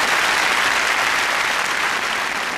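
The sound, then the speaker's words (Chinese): An audience claps steadily, a dense, even wash of many hands at a fairly loud level that holds without pause for a couple of seconds, with no voices over it, applauding to invite a performer to demonstrate traditional street-vendor hawking calls. “借这个机会，今儿哎，咱来点掌声，让他给大伙展示一回，行不行？”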